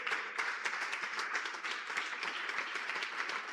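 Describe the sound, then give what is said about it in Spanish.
An audience claps steadily for the Lord in a sustained, dense wave of applause that holds at an even level throughout, with no voices standing out above it. “Dese un aplauso fuerte al Señor.”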